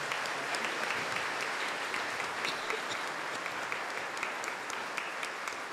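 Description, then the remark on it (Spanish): Sustained applause from a large crowd at the parish of El Calvario, welcoming Monseñor José Vicente: a dense steady wash of clapping that fills the whole stretch without pausing, heard from within the audience at moderate loudness. “Un aplauso para él, por favor.”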